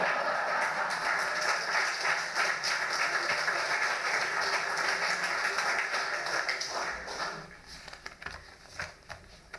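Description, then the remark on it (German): An audience applauds in a dense, steady patter of many hands, which thins out over the last few seconds into a handful of scattered claps before dying away. “Vorher klatschen gilt nicht.”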